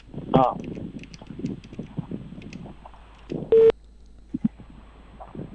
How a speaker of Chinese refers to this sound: 徐书记的电话拨出，我们共同耐心等待。